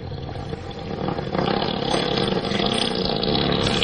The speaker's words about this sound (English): Elephant fart. Oh, yeah. A 7-second elephant fart. I don't know what the average length. They average around 7 seconds, too.